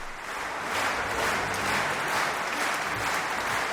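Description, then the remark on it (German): Steady, dense applause from a concert audience in the Max-Littmann-Saal in Bad Kissingen on 19 July 2025, as conductor Manfred Honeck leaves the applause to individual musicians and groups of musicians. It is a continuous wash of many hands clapping at an even loudness throughout, with no voices standing out. “Manfred Honeck überlässt auch immer einzelnen Musikerinnen und Musikergruppen den Beifall, ein Dank seinerseits an jene, ohne die er seine musikalischen Ideen nicht verwirklichen könnte.”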